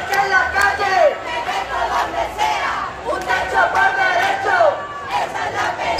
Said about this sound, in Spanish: en una movilización en la que se han escuchado gritos contra el bloque de la derecha, los fondos buitres y en la que se han hecho repetidos llamamientos a la huelga general.